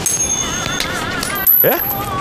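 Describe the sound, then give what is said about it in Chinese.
A five-fen coin is flipped to decide a choice by heads or tails and lands with a bright metallic clink and short ringing wobble amid a steady background hum. “哎呀，咱问一下老天爷嘛，扔个硬币，再是字儿呢你留下，再是花儿你随便，咋样？”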